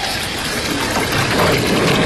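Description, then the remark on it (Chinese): Boiled water is poured steadily into a pot after chicken stock, while making seafood rice tofu; a continuous splashing rush that holds an even level for about two seconds, with no talking. “然后我再加点鸡汤，再加点白开水”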